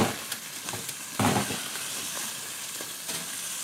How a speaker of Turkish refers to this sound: Mühürleniyor sıcak tencerenin içerisinde.